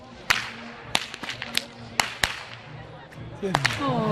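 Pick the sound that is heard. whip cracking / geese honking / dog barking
whip cracking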